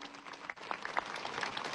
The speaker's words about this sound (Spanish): Un aplauso fuerte para nuestro Papa y nuestro Obispo, siempre en comunión.